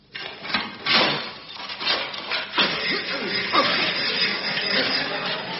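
Harsh, rasping strokes of a saw grinding through the metal bars of a jail, repeating in an uneven back-and-forth rhythm with scraping and clanking mixed in, fairly loud and continuous for several seconds.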